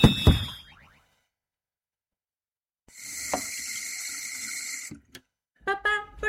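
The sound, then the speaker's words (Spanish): Water runs from a tap in a steady, hissing stream for about two seconds, then cuts off. A springy twang comes before it, and a few short squeaky chirps follow. No one speaks. “¿Cerrar la pila mientras no cepillamos los dientes?”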